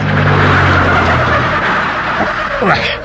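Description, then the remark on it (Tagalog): A truck engine rumbles loudly, its low drone dropping away as the vehicle halts abruptly, followed by a short, falling brake squeal near the end over steady road noise. “ganong kalit ko ni mong ipahunong? Ay, kariyot, manaog ko na yung truck.”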